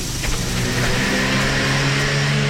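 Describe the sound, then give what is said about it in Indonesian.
A car approaching from behind on a road: its engine revs steadily and loudly, its pitch rising slightly as it draws closer, a continuous mechanical roar filling the short stretch with no voices. “Anda tidak tahu apa yang datang dari belakang, melainkan jika anda ada mata. Di belakang kepala, berjalanlah dengan menghadap lalu lintas.”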